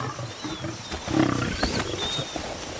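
A lion lets out one short, deep roar partway through, a rough low rumble rising above steady outdoor ambience with faint, thin bird whistles high above. No one speaks.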